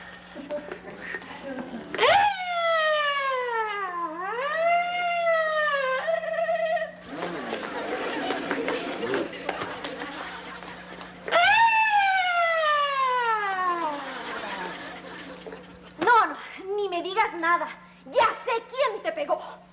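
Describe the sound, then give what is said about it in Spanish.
A voice imitates a traffic police motorcycle siren with loud wailing glides that rise and fall, repeated in a few bursts separated by noisy, breathy sounds and short chirpy vocal yelps. “¿Qué te pasa, chavo? Es la motocicleta de Tránsito.”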